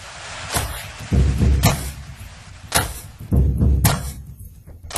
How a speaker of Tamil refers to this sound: இதோ கதவு தட்டுற சவுண்டோடய வரீங்களே. அதாவது இதெல்லாம் எஃபெக்ட், சினிமான்னு சொன்னீங்கல்ல, அதுல நிறைய எஃபெக்ட் இருக்கும் பாத்தீங்களா? ஆமா, அது இது ஒரு எஃபெக்ட், அவ்வளவுதான்.